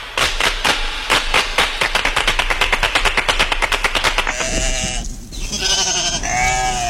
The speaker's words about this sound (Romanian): Ăla nu e balaur, e oaie. Nu te lua după aparențe.